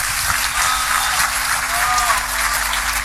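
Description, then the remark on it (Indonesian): A crowd in Indonesia applauds an Indonesian rice farmer steadily for about three seconds, a dense, even wash of many hands clapping at a constant loudness with no clear gaps. “Kita tepuk tangan untuk”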